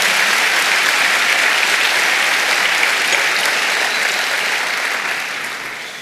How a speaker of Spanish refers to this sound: Alguien dé palmas al Señor. Vamos, dele palmas al Señor, dele palmas al Señor.